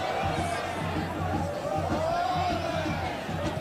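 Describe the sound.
Bragantino football fans in the stands during a match against Inter, cheering olé as their team passes the ball around. A dense, steady roar of voices with a rhythmic pulsing beneath that suggests chanting or drumming, loud and continuous throughout.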